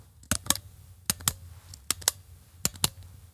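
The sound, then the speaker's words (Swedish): A pen clicks in four evenly spaced double clicks, each a sharp press followed quickly by a release, with short quiet gaps between them and no talking. “Här är en penna som klickar.”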